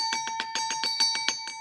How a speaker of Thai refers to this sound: แหมอาจารย์คะเสียงกระดิ่งดังเหลือเกินนะคะอาจารย ์โอ้โหมันกล้องกังวานไปเหลือเกินนะ